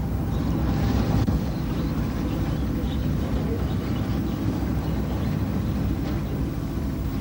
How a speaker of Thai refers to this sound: ท่ามกลางความมืดมิดของท้องทะเลเรือไฟล่อปลากำลังจอดลอยลำอยู่เหนือแนวปะการัง